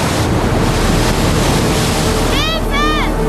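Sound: ocean waves crashing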